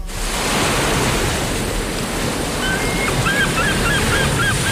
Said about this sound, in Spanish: Uy, qué bien. Llegan las olas, van y vienen.